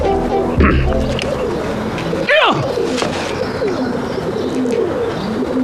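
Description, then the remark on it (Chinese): Many kept pigeons coo continuously, their low, throaty warbling calls overlapping without pause, with a brief rustle or flutter midway and faint voices in the background. “那这么多鸽子， 养鸽子嘛，鸽子能少吗？”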